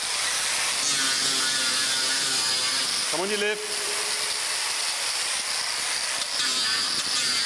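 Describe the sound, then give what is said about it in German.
An angle grinder grinds the sole layer and nails of the elephant Chamundi's foot during elephant foot care, whirring and hissing steadily throughout, a harsh high-pitched grinding with a brief dip in pitch midway, while a voice speaks a few words over it. “Unangenehm der Lärm, der Flex, der beißende Geruch der Sohlenschicht und der Nägel.”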